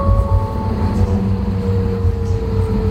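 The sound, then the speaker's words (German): Steady low rumble of a tram rolling along its rails through the city of Halle, with a faint whine of the motor and the rattle of the car, heard from inside, constant throughout with no voices. “Ich bin in Halle oft mit der Straßenbahn unterwegs”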